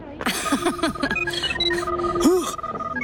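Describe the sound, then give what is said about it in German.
A "Buh-Phone" alarm rings out as a bright electronic melody of quick, high-pitched tones and warbling swoops, steady and fairly loud for about three seconds. “Mein Buh-Phone. Alarm aus meinem Hus.”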